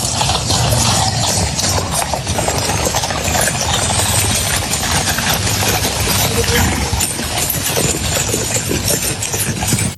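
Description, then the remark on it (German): Steady clip-clopping of hooves from a horse-drawn carriage in Windsor carrying the British King and German President Steinmeier during a state visit, a continuous rhythmic clatter over a dense, loud bed of rumbling noise and engine hum, with no voices. “Und er durfte dann gestern nicht nur in die Downing Street, Keir Starmer, Hallo sagen, sondern auch mit dem König Kutsche fahren in Windsor.”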